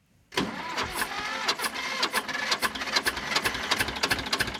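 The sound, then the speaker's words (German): A 1965 tractor starts up and chugs steadily across festival grounds in the village of Stelzen in the Vogtland, its loud, rough mechanical rhythm running without pause and with no voices. “Ein Traktor aus dem Jahr 1965 tuckert über das Festivalgelände.”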